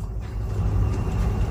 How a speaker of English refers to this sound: There's another train passing.